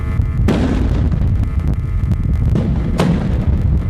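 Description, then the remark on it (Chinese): Two loud explosions go off about two and a half seconds apart, each a sharp blast over a constant deep, roaring rumble, with no voices, in a Yangpu emergency drill simulating a sudden equipment failure causing an explosion at Hainan Refining. “此次演练模拟炼化企业装置突发故障引发爆炸，叠加管廊火灾、危化品泄漏、槽罐车爆燃等多重险情，多类灾害同时发生，多名人员被困，现场形势十分危急。”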